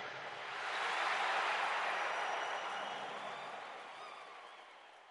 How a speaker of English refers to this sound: Crowd goes wild, woo! And wait, what is the crowd chanting? What? Random space. Random space.